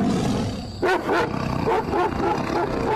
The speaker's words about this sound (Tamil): ஒரு புலின்னு நினைச்சா இப்ப இன்னொன்னு.